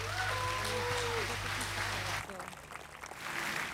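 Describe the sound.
An audience applauding in a steady, dense wash of clapping as performers leave the stage during a live show on Radio 2, with a voice faintly audible over it; the sound thins a little partway through before swelling again.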